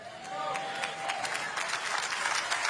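An audience applauds steadily for a few seconds, a dense, crackling wash of many hands clapping at once, holding at an even, moderate loudness throughout.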